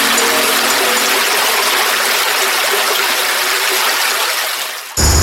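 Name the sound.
flowing stream water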